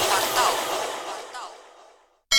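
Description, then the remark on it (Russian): A single sea wave in a radio advertisement washes in with a broad, loud hiss that slowly fades away over about two seconds, followed by a moment of silence and a sudden brief burst of sound. “Слышите? Это вас зовет море.”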